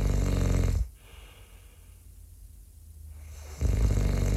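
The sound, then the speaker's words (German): A loud, rasping snore fills the start, falls silent for a few seconds during a quiet pause, then returns just as heavy and rumbling at the end. “Sagen Sie mal, hören Sie das auch? Also ich glaube, manche von unseren Zuhörern, die schlafen schon.”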